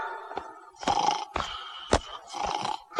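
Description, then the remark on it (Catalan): Loud snoring: several rough, rattling snorts in a steady rhythm, each a raspy rumbling breath, with no talking in between. “S'hi està roncant!”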